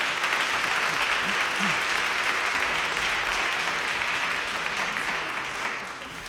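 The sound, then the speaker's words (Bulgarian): Steady, sustained applause from an audience for a singer, a dense wash of clapping that holds at an even loudness for several seconds before tapering slightly at the end. “Вашите аплодисменти са за ….”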